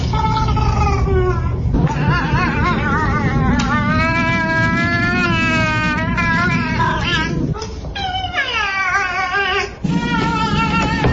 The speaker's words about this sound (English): I didn't expect to hear those meows.